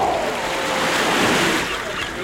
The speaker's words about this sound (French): Bien installé, au bord de l'océan, vous savourez le vent du large.